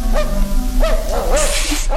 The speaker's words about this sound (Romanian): Auzi? Un lătrat.